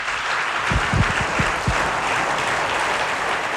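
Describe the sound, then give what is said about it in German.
An audience at the opening of the House of Ethnic Groups in Burgenland, Austria, applauds steadily, a dense wash of many hands clapping at even loudness, with a few sharper individual claps standing out early on. “Und ich glaube, das ist wirklich ein einzigartiges Ereignis und es verdient jetzt schon einen einsprachigen Applaus.”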